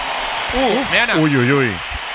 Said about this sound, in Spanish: Yo creo que hay más aplausos que pitos, pero han pitado primero unos cuantos y la mayoría del Bernabéu, en mi opinión, aplaude la entrada de Vinicius después de escuchar unos silbidos. Pero ha habido silbidos, me sigue sorprendiendo.